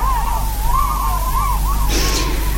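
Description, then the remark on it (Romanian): A run of wavering, rising-and-falling bird calls repeats steadily, then a brief airy rush like wings beating breaks out near the end as a flock of birds flies away. “Auzi? Uite, pleacă păsările.”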